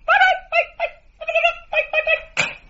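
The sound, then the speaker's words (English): A person's voice imitates a cat's purr while stroking a Persian cat, with rolled, trilling sounds in about six short bursts separated by brief pauses, fairly loud, with no other sounds around it. “I'm purring while I stroke my Persian cat.”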